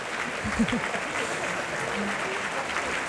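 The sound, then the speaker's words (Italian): Steady applause from an audience as the performers run forward to take their bows, a dense wash of clapping hands continuing throughout, with a few faint voices murmuring underneath. “Ecco, lì di nuovo che fanno una corsa per prendere gli applausi.”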